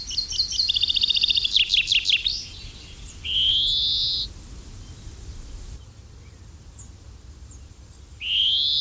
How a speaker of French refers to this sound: c'est le pinson des arbres, qui était autrefois, il n'y a pas si longtemps encore, considéré comme l'oiseau le plus commun en Europe et en France. Eh bien maintenant on en voit beaucoup moins.